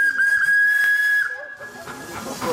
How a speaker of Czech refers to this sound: Na konci celého řetězu stará parní stříkačka, která zaujala je projíždějící cyklisty. Jde o parní stříkačku značky nebo firmy Smekal z roku 1908.